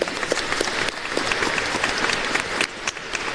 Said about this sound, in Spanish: Bueno, ahora quiero agradecer un poco a los hermanos que nos ayudaron hoy en el rezo del Santo Rosario. Muchísimas gracias. Agradecemos con aplauso a ellos.